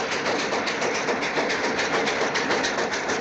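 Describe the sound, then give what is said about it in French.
A train rolls steadily along the tracks, a loud, dense rumble with a regular clickety-clack rhythm running through it. No one speaks. “Le matin du sixième jour, le train s'arrête brutalement et des bandits surgissent de tous les côtés.”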